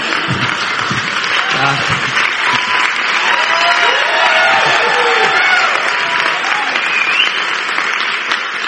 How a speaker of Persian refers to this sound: اینقدر تشویق نکنید، امشب کیانوری میاد تو خوابم.